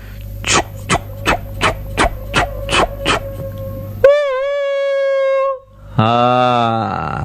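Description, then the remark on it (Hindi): A train, a big engine pulling many coaches: eight steady, rhythmic chugs, then a long, loud, steady whistle and a second, lower, brassy horn blast. No one speaks. “रेलगाड़ी में होता है एक बड़ा सा इंजन, और उसमें जुड़े होते हैं बहुत सारे डब्बे।”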